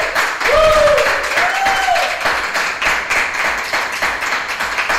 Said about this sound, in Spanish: También por acá tenemos unos hermanos en el cuarto piso. ¿Qué les parece si le damos un fuerte aplauso al Señor, los que estamos aquí en el cuarto piso?